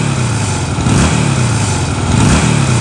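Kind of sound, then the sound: vehicle, motorcycle engine revving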